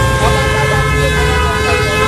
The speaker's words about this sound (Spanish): Esto suena a colapso total de tráfico. Esto suena, yo creo, a lo que todos queremos evitar mañana, ¿no?